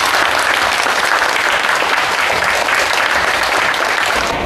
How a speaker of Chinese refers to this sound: 大家掌声欢迎。